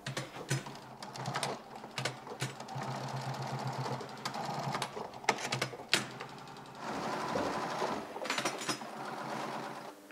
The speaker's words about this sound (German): Dann folgt die schwierigste Arbeit an der Nähmaschine. Beim Aufsteppen des Ösenteils sind Übung und Geschick gefragt. Also das Aufsteppen vom Ösenstreifen bei dem Schuh hat schon seine Tücken.